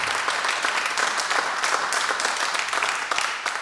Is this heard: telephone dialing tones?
no